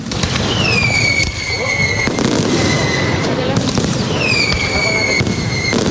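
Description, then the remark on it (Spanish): A loud fireworks display closing the 2026 Úbeda Fair, launched from the fairground, with rapid booms and crackling, punctuated by rising whistles that glide down in pitch as rockets burst, the dense noise continuing without pause throughout. “Y por San Francisco, los fuegos artificiales para despedir la Feria de Úbeda 2026. Espectáculo pirotécnico desde el recinto ferial, que dijo adiós a esta feria para ir preparando ya la siguiente.”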